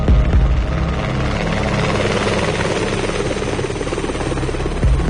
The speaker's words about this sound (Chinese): 警用直升机开着探照灯，沿着海岸线低空慢速掠过。